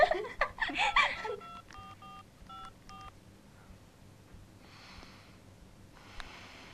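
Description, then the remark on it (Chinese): A quick run of about six beeping telephone keypad tones as someone dials a phone to make a call, evenly spaced and fairly clear, following a burst of breathy snorting or laughter, then a quiet hiss. “快打电话给胖子。”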